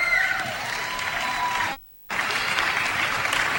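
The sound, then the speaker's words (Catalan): An audience applauds a band's guitarist as the band is introduced, clapping steadily in a dense, continuous wash of applause, briefly cutting out to silence partway through before resuming just as strongly. No one speaks over it. “un aplaudiment per ell.”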